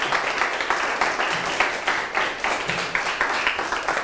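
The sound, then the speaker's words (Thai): A classroom of students applauds group 1 and the origin and destination sites together, a dense, steady patter of many hands clapping at once that lasts about four seconds with slight swells in loudness and no talking over it. “ปรบมือให้กลุ่ม1ด้วยครับและปรบมือให้กับทางต้นทางและปลายทางพร้อมกันอีกครั้งครับ”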